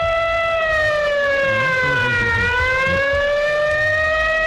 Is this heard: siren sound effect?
yes